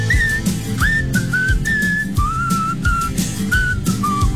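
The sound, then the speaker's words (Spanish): Someone whistles a clear, wavering melody of held and sliding notes over a steady low rumble of background noise with a few soft thumps. “Está funcionando ahorita con el buen chiflidito”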